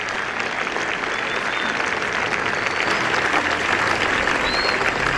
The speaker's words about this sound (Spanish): Saludamos al cuerpo diplomático que se encuentra presente en este acto. Un aplauso, por favor, muchachos, para los